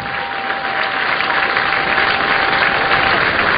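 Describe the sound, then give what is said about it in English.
A large stadium crowd applauds steadily, a dense, even wash of clapping and murmur that holds at a constant loud level for the whole stretch, with no one speaking over it, as an injured player is rolled on a gurney across the center field grass toward his teammates. “You hear the crowd, but there's no motion from Braxton Van Cleve while he lies on the gurney.”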